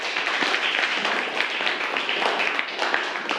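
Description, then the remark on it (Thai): A group of students in a class clapping for a classmate who has just answered, at the teacher's request, a dense, steady patter of many hands with individual claps poking out, sustained at an even loudness throughout without pause. “อ๋อแล้วคนอื่นล่ะปรบมือเพื่อนหน่อยครับนักเรียน”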